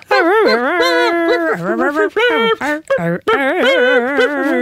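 A puppy, one of six born on a bed in Mitzpe Ramon, whimpers and whines in a continuous string of high, wavering cries, fairly loud, with only brief pauses between the drawn-out whines.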